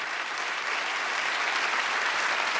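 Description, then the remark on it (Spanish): Sustained, loud applause from an audience for the accompanying musicians, a dense steady wash of clapping hands with no pauses and no voices rising above it. “Un aplauso muy fuerte, por favor, para los músicos que nos han acompañado.”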